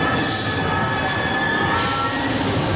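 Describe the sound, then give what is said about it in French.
A metro train in Paris brakes hard and fast, its wheels letting out a sustained, piercing metallic squeal over a constant rumbling roar, loud throughout. “Le métro à Paris a freiné rapidement et j'ai eu vraiment un son assez trident qui est arrivé dans mes oreilles, à l'oreille gauche.”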